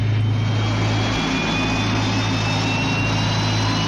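Aircraft engines start up for takeoff, roaring loudly and steadily, a deep rumbling drone beneath a broad hiss, with thin high-pitched turbine whines slowly climbing in pitch as the engines spool up. No voices.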